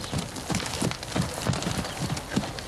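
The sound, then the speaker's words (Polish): Steady clip-clop of the hooves of a horse being ridden, a quick regular rhythm of sharp knocks, about three to four per second, over a constant hissing background that sounds a little like rain. “kolenkuje na koniu, upřestrejo levu nogu do sledka a pšau ruku do predka.”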